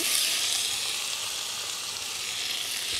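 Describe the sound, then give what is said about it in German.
Steady, bright sizzling of tomatoes frying in a hot pan, a continuous crackling hiss at even loudness throughout, with no voices. “anschwitzen, dann diese leckeren Tomaten dazu.”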